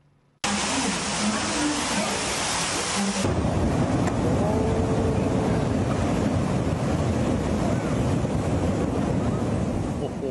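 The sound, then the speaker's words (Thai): A steady, heavy roar of rushing water pours continuously, loud, as floodwater from prolonged heavy rain cascades like a waterfall into a subway station in Santiago, Chile, with a brief shift in tone early on. “แต่ที่ตกแช่มาก่อนหน้านี้เนี่ยไม่ได้เกิดแค่ไทยอย่างเดียวคุณผู้ชมชิลีก็เกิดฝนตกแช่เหมือนกันนะครับแล้วพอฝนตกแช่แบบนี้คุณผู้ชมนี่ฮะรถไฟฟ้าใต้ดินของเขาน ี่ไหลมาเป็นน้ำตกเลยนะฮะ”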